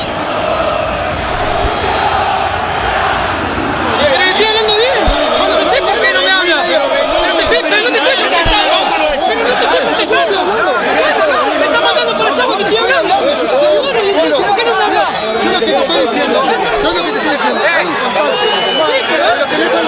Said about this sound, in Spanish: Enojadísima la gente de Huracán, la bronca del público quemero después del empate 1-1 ante Estudiantes de Río Cuarto. Se ha terminado la historia aquí en Parque Patricios.